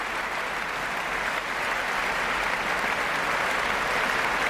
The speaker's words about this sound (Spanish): Josep Pons sale de nuevo a saludar. Los profesores de la orquesta aplauden al maestro, que sube al podio y recibe esta aclamación.